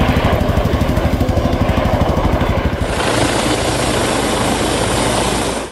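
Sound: helicopter rotor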